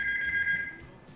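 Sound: telephone ringing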